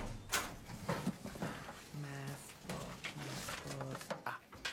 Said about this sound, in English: This fell out when you opened your locker.